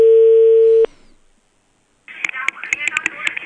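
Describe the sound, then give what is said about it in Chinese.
A single steady telephone ringback tone sounds for under a second as a call is placed to a residential property management office, then cuts off into a short silence before a voice answers over the phone line. “825，稍等啊，1181，我现在打啊”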